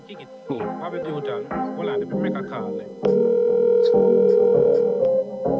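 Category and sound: signal or alarm, telephone ringing tone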